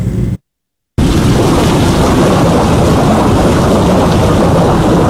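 A loud, steady roar of heavy rain and deep rumbling thunder, dense, cutting out to silence for about half a second near the start before the storm sound returns unbroken.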